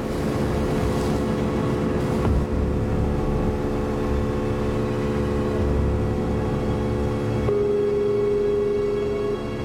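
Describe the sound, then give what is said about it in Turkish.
A powerful boat engine drones steadily as the customs agents' boat speeds across the water at 58 knots, approaching a suspect boat, with a loud, continuous hum and rushing water noise and no one talking. “Ajanların teknesi saatte 58 deniz mili hızla ilerliyor.”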